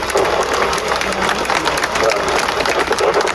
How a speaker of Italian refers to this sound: Facciamo l'applauso.